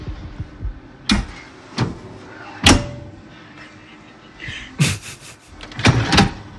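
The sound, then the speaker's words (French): A coffee machine's grounds bin is pulled out and pushed back at a workplace, giving a series of plastic clunks and knocks with short scraping slides between them. “C'est le bac pour le maracafé.”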